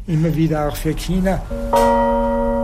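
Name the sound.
newly cast bell struck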